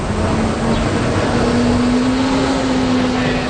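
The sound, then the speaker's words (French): Steady, loud roar of street traffic on René-Lévesque Boulevard in downtown Montreal, with a low engine hum droning throughout, continuous, with no distinct individual vehicles passing. “sur le boulevard René-Lévesque, au centre-ville de Montréal, Daniel quête entre les voitures, un gobelet à la main.”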